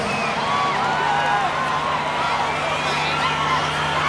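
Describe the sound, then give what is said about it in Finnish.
A live concert crowd on a live recording of a song roars continuously, with many overlapping voices shouting and high shrieks, one woman's shriek early on, sliding up and down over a steady wash of noise, loud throughout the four seconds. “Joo, aika voista huutamista.”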